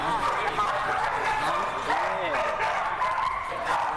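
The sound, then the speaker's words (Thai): Several dogs from a breeding department bark and whine together, a steady overlapping chorus of yips and whimpers that fills the space, with what sounds like voices mixed in underneath. The dogs are raised from birth until 5-6 months old, then sent to a dog-training research and development project. “สุนัขเหล่านี้ก็จะมาจากแผนกผสมพันธุ์นะครับตั้งแต่การเพาะเลยนะครับตั้งแต่แรกเกิดจนเลี้ยงดูเมื่ออายุครบ 5-6 เดือนก็จะส่งมาที่โครงการวิจัยพัฒนาการฝึกสุนัขเพื่อทำการป๊อปปี้โปรแกรมจนถึงอายุครบ1ปีนะครับ”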